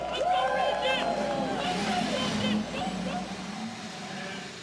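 A loud, dense roar of thirty-three race car engines firing up together as the drivers start their engines before the 104th running of the Indianapolis 500-mile race, their pitches climbing and dipping as they rev, over a steady crowd-like din.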